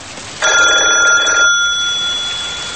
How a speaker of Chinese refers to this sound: 门卫室里的电话突然大作，门卫接起电话便立刻去找老孙。